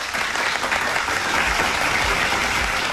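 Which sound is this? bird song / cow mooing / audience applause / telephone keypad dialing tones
audience applause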